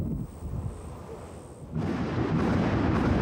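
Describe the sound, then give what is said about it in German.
Thunder rumbles low and steady, then swells about halfway through into a louder, fuller roar that carries on to the end, with no voices. “Auch Gewitter sind ein Indiz dafür, dass sich windtechnisch einiges zusammenbraut.”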